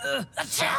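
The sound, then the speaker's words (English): A single sneeze brought on by dust: a voiced, drawn-in 'ah' buildup, a brief pause, then a sharp, breathy burst that trails off into a short vocal tail. “All this dust is making me...”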